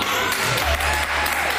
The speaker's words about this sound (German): Das ist wie, also Applaus ist doch ein wie Torjubel, oder? Ja, das war richtig cool.